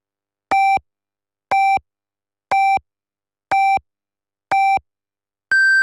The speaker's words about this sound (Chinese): 北京时间14:00， 正点报时，由益友国际汽配用品展贸中心及益友广元东汽配城特约播出。